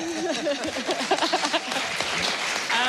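An audience applauds steadily for a few seconds, a dense wash of clapping with a speaking voice audible over the top.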